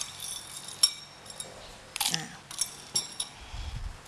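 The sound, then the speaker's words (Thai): Ice cubes clink and clatter into a glass blender jar to chill a blended fruit drink, in a few sharp, bright hits spread over several seconds, with a low thud near the end and no talking. “แล้วก็อาจจะใช้น้ำแข็งลงไปช่วยนิดนึงเพื่อให้เกิดความเย็นนะคะ”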